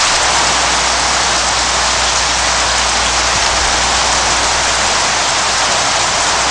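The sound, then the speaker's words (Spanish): A heavy rain shower pours down steadily just after leaving a ranch, a dense, loud hiss of drops hitting surfaces, continuous and unbroken throughout with no voices. “Está lloviendo otra vez. Nos ha pillado de nuevo el chaparrón justo al salir del rancho”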